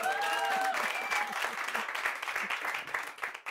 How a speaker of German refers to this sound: Ich glaube, was denkt ihr, wer hat am meisten? Wo gab es den meisten Applaus? Bei dem mit der schwachen Blase, oder?